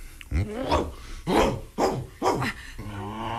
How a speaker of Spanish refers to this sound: ¡Estate en paz, perro, caramba! ¿No ves que espantas a la señorita?